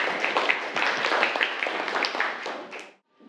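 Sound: students applauding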